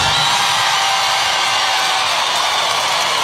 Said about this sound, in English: People cheering for no reason. I said free Palestine.